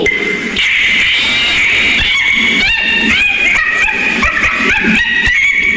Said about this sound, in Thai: มันก็พยายามจะดึงมือออกจากกระบอกไม้ไผ่แต่มันดึงออกเท่าไหร่ก็ไม่ออกทีนี้เจ้าลิงมันก็ร้องโวยวายสิ